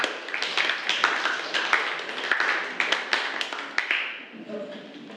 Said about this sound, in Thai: ปรบมือให้กับกลุ่มที่5ด้วยค่ะ